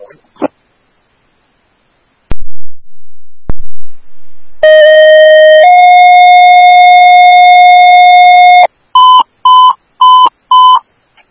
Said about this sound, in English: These are tones for Station 1 for injury accident, Valley Creek Road and Donegal Drive.